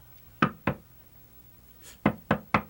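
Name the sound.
knocking on a door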